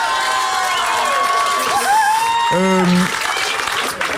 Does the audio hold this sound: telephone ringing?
no